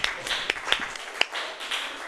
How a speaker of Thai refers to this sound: ปรบมือดังๆให้เพื่อนหน่อยค่ะ